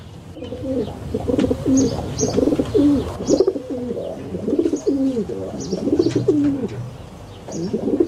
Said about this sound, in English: Kiriru Arupare, the rock pigeon, RNZ National.